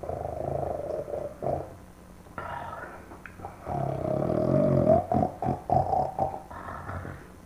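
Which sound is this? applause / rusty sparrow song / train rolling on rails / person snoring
person snoring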